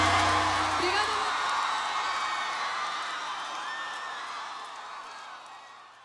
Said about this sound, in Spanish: salva de palmas.